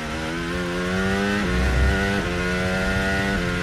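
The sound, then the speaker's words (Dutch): Onboard engine of Antonelli's Formula 1 car howls loudly and steadily at high revs, its pitch dipping and climbing back with a few quick gear shifts. No voices. “Onboordgeluid Antonelli vandaan.”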